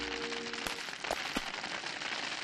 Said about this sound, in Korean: 야호, 빙수가 내려온다. 잠깐만, 하늘에서 떨어지는 얼음이라면 혹시... 이건 우박이야. 우박이라고? 어서 피하자.